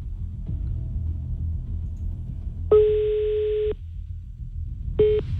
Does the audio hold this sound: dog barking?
no